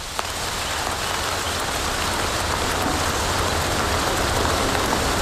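Steady rain falls without pause, a dense, even hiss of drops with a low rumble underneath and no voices, holding the same moderate loudness throughout.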